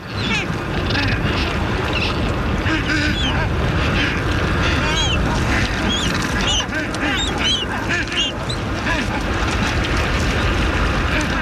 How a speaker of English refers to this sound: That is the sound of the Adélie penguin. Adélie penguins are the most widespread species of penguins in the Antarctic, also the smallest.